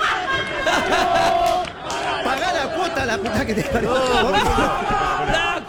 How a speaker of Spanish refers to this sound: Empezó a cantar y a gritar, los dirigentes contra los hinchas.